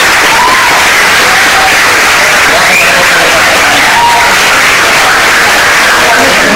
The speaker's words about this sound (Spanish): Así que un aplauso